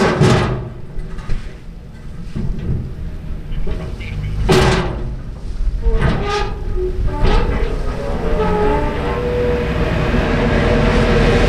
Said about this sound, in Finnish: Ollaan Ruslaksissa yhteyslautta laiturilla. Täällä vähän tuuleksei ja tuolta saapuu Finnö-alus ihan justiinsa laituriin.